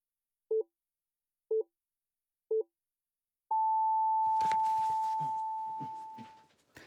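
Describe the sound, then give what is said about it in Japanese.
Three short, evenly spaced beeps one second apart, followed by a longer, sustained tone at a higher pitch: a radio time signal marking 5 a.m. during a broadcast on a heavy rain emergency warning for Fukui Prefecture, Japan. A voice begins speaking as the final tone fades. “時刻まもなく5時になります。”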